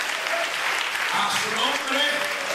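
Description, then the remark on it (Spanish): A church audience applauds the Lord during a sermon, a steady, dense, even wash of clapping that holds for a few seconds, with faint voices and cheers mixed into the crowd noise. “De verdad que se aplauso al Señor.”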